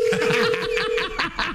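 A steady electronic telephone ringing tone holds for about a second, heard under snickering and chuckling laughter from people staging a parody phone call.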